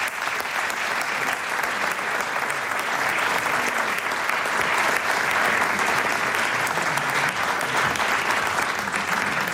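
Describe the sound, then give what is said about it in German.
A large audience claps steadily and loudly for the whole stretch, welcoming two guests, a dense continuous wash of applause with no voices standing out above it. “Und die kommen nochmal einen großen Applaus ob die Böen,”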